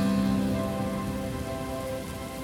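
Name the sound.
rain falling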